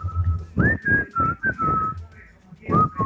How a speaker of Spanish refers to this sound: Pero es que su silbido es diferente, o sea, lo saca como que... Así esto.